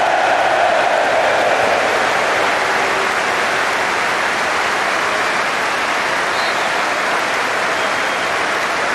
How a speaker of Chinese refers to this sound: 是水晶宫的球迷还是阿森纳的球迷，都对埃泽报以热烈的掌声。